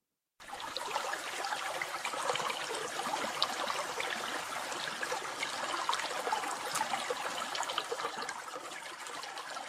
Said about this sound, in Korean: 이번엔 시원하게 물 흐르는 시냇물 소리를 듣겠습니다. 물소리.